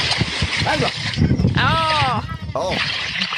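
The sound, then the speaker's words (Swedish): Someone splashes about in the water at Skytteviken in Åsa while bathing on a very windy day, with the water at 19 degrees. A steady rush of churning noise, with wind buffeting the microphone, is broken by a couple of short, wavering vocal exclamations. “Vi plumsar i då, låt oss höra hur du skvalpar ut där i Skytteviken.”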